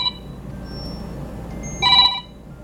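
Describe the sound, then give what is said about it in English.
A telephone rings with an electronic, warbling tone: a short burst at the start, then a louder, fuller ring near the end, over a low background hum with no one talking. “And there goes the phone.”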